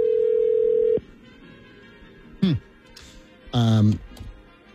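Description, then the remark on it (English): A steady, droning telephone dial tone hums loudly for about a second and then cuts off abruptly, followed by near-quiet and a couple of brief voice sounds. “No, I can't remember the last time I heard a dial tone either.”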